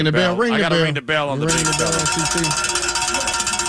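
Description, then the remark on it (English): A bell is rung on an ESPN Radio sports show, ringing loudly with bright, metallic tones that waver at first, then a brief break, followed by a steady, sustained ring that lingers to the end with no talking. “I hate to do it, but I got to ring the bell.”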